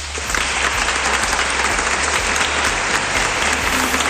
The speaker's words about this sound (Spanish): Pues ahí estaba la ovación también de los miembros presentes en esa gala del Reconquista, en esa sala del Reconquista, mejor dicho.